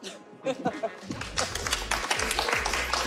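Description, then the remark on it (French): Scattered clapping builds into steady applause from an audience for two guests at the close of a broadcast interview, a dense patter of hand claps that continues at a fairly even level to the end, with a faint voice at the start. “On peut les applaudir.”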